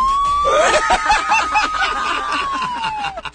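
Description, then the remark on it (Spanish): A woman lets out a long, steady high-pitched scream imitating an ambulance siren in a contest over who can scream the most. She holds the tone for about three seconds before it drops away, with laughter and chatter bubbling underneath. “Ya sonaba como ambulancia.”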